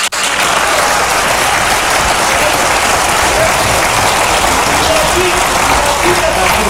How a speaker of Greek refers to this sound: Χειροκροτάει και τον εαυτό της.